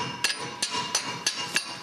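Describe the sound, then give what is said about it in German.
A hammer taps five times on a stuck metal bolt to loosen it, in a steady, even rhythm, each strike a sharp, ringing metallic knock, moderately loud with no voices. “Klopft man da drüben, ob der sich ein bisschen löst, der Bolzen.”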